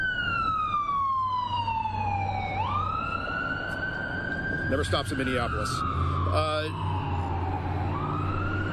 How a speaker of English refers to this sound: Ambulance.